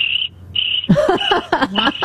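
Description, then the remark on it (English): High, steady cricket chirping comes in repeated trilling bursts, clear at first, then continues beneath a louder burst of voice-like sound that overlaps it for the rest of the moment. “Sorry, all I hear are crickets.”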